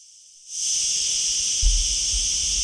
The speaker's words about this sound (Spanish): Esto que escuchan es la chicharra que ya la hemos escuchado durante la mañana de hoy en alguna que otra conexión.